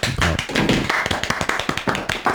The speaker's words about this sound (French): Et ça, ça s'applaudit.